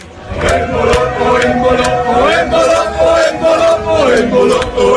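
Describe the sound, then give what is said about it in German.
A large crowd of Swiss football fans cheers and chants loudly and continuously, voices blending into a sustained roar with periodic sharp bursts like claps or shouts. “Die Schweizer Fans, die sind am Jubeln.”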